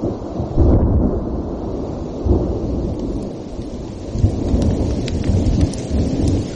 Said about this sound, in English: a thunderstorm follows me in, punching electric holes into the earth below.